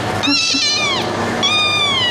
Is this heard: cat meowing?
yes